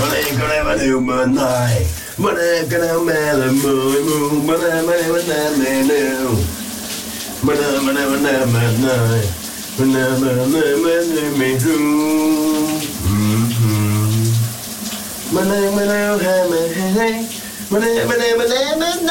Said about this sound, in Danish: han synger i brusebadet. Vi kalder det dagens brusebadshit, og du kan undre dig med lige her.